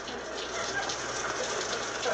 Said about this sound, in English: It started to rain. Two hours later, it was still raining. Now it was beginning to get dark, and it was still raining.